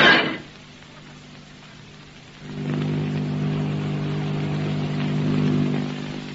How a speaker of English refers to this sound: What's that? It's a plane. Motors. It's a ship. It's their ship.